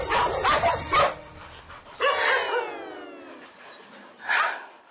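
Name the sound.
dogs barking and fighting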